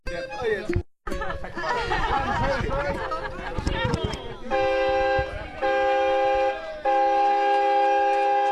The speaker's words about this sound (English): Where once there was the whistle of a steam train carting logs to Warragul for processing, the West Gippsland community of Noongee is hoping the snuffling sounds of truffle dogs and the clatter of knives and forks will be the sound of the future,